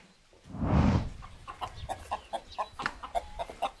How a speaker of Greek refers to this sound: Κότα ορεινή.